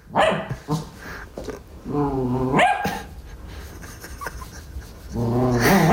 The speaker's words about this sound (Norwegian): Du, Gjølle, slutt å bjeffe på sokken din.